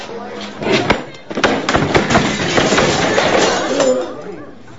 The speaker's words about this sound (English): Looking furious, he throws a chair across the room.